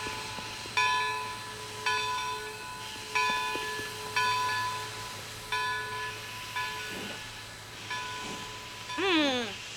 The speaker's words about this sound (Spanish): ¡A París! Donde hay una gran estación de trenes. Y el Expreso de Oriente está esperando para salir.